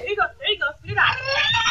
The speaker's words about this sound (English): Success. You can hear the frightened little guy wailing with his airway clear. They just were beating his back.